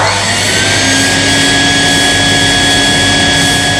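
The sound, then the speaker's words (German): A neighbour's vacuum cleaner runs steadily shortly after 7 in the morning, a loud continuous whooshing roar with a thin high whine running through it, unchanging from start to end, with no voices. “Ja, das kann nervig sein, müsst ihr aber auch ein bisschen verstehen, weil wann soll man denn sonst heute staubsaugen?”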